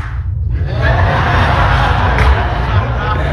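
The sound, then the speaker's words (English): A loud, steady wash of crowd noise with clapping mixed into the cheering and murmur, sustained evenly for a few seconds without any clear pauses. “I don't know if she's clapping because he's handsome or he's a good quarterback.”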